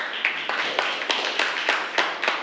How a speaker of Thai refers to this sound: ขอบคุณค่ะขอเสียงปรบมือให้กับตัวแทนในการสรุปความรู้ในวันนี้ด้วยค่ะ